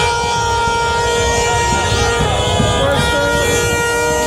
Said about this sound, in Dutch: Vooral met al dat getoeter daar op straat. Ja, lekker toeter allemaal, joh. Kerstpleurs allemaal, joh. Ja, bij Marokkaanse supporters ging natuurlijk het dak eraf. Zij gingen feestend de straat op.